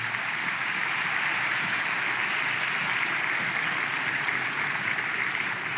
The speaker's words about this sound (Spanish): ¿Cuántos se alegran por eso, verdad? Vamos, dele palmas al Señor.